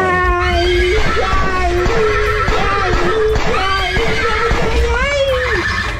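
A horse neighs loudly, its shrill whinnies rising and wavering over about six seconds against a steady background rumble.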